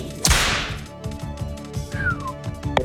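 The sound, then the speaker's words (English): A single sharp whip crack snaps out near the start, loud, then trails off while steady music continues underneath for the rest of the moment. “Give me the whip”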